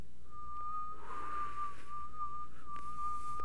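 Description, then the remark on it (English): A person who cannot whistle makes a thin, breathy attempt at whistling, producing a faint, wavering single tone that holds for a few seconds with air hissing through the lips, with no talking. “I'm just blowing air.”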